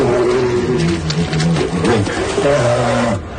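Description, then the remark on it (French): Two polar bears roar and growl in a loud, continuous, violent confrontation of deep, moaning calls that rise and fall in pitch for a few seconds before cutting off. “une conversation entre un couple d'ours polaires qui veulent essayer d'ouvrir leur couple”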